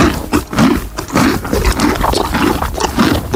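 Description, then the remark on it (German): A horse at a horse farm munches on a cucumber with loud, wet crunching bites repeating in a steady rhythm about twice a second. No voices are heard. “Oh, da wurde aber ordentlich gekaut. Das muss irgendwas Hartes sein.”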